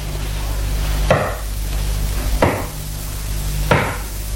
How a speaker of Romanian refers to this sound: Dar cine bate în poartă la vremea asta? Cine dracu mai vine să ne tulbure?